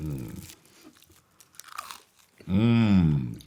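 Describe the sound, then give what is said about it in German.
Soft crunching and chewing of goose foie gras on toasted brioche, broken by a few brief clicks, framed by voiced murmurs and ending in a loud, drawn-out appreciative hum with a wavering pitch. “Das ist die beste Foie gras, die ich je gegessen habe.”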